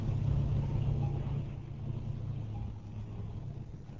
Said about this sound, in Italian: Rumore di camion.